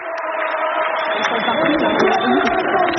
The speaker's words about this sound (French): Et vous allez l'entendre, la niçoise qui a été acclamée par la foule et qui ont même chanté des chants de supporters parisiens.